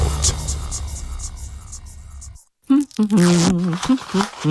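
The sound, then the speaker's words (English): A new electric blender is given a short test run, with a steady, loud whirring hum and low throbbing drone, then cuts off abruptly; after a brief silence, a person starts talking. “Finally, my new blender don't land. Make a test on small. Wait, so why they sound like generator?”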